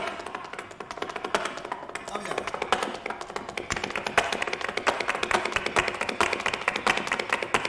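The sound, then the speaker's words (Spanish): Flamenco heel tapping, a rapid, steady stream of sharp percussive clicks in driving rhythm, fairly loud throughout, with a murmur of voices running underneath. “Pero digo, qué bonito el sonido del taconeo, ¿no?”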